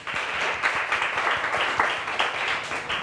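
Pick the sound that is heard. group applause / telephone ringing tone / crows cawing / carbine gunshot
group applause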